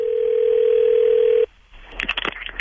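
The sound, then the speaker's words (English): A steady, unbroken phone dial tone hums at a single mid-low pitch for about a second and a half while calling someone back, then cuts off abruptly, followed by a brief pause and a burst of faint chatter. “We gotta call him back.”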